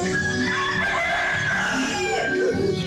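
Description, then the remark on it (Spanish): A rooster crows loudly, a strained, sustained call filling the whole few seconds against a busy, noisy background. “¿Qué pasa con los gallos, cumpa?”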